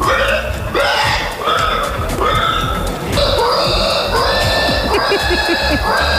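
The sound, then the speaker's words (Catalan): Contestants in a pig-squeal imitation contest imitate pig squeals, rolling on the ground, in a loud, continuous run of shrill, harmonic squeals and grunting oinks, several overlapping with short breaks, sounding like a group squealing together. “Segur que frises per sentir una mostra de les habilitats d'alguns dels concursants que ho donen tot a billats de porcs i revolcant-se per terra.”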